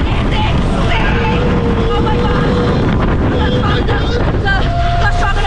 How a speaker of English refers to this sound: the fastest coaster at any Universal park